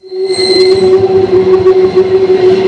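A train rolls steadily along the tracks, loud, with a sustained tonal hum and continuous rumbling, rattling wheel noise throughout.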